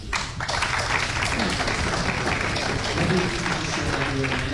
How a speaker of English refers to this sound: There you go. An applause break there for Gail Morgan's question